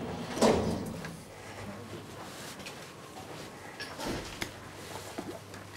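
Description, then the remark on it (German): An elevator door slides open and shut with a mechanical rumble, starting with a louder clunk and followed by quieter sliding movement and a few light knocks, as the door-open and door-close buttons are tested in a modern glass cabin in a glass shaft. “So, fahren abwärts. Probieren aus, Tür auf Taster geht, Tür zu Taster geht auch.”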